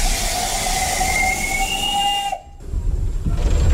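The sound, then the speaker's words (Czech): A steam locomotive built in 1925, heard from the cab beside the driver in the Czech Republic, blows its whistle in one long, steady, loud blast over the rumbling of the moving train, then cuts off abruptly while the chugging and rattling of the train carry on. “Poprvé v životě jedu parní lokomotivou hned vedle strojvedoucího, je to všudy bylka.”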